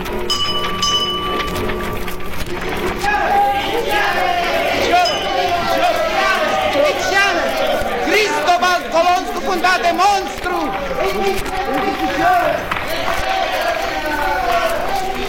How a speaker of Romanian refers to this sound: Mulțimea se îmbulzește în jurul vânzătorului de ziare. Ce-or fi discutând cu atâta aprindere?